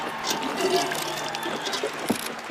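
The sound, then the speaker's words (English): A boxer spits out a mouthful of water in a short, wet spray during a break in a boxing match, over a busy, noisy background with faint voices murmuring. “Sit down, drink some water. Or relax, just drink some water, okay? You got this. Here, drink, drink. Spit.”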